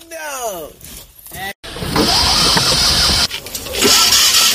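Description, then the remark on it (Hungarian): A Trabant's engine cranks and sputters without catching: a rising and falling whine at first, then a rough, noisy grinding stretch, a brief break, and another loud cranking attempt. “Nem mindul a Trabant.”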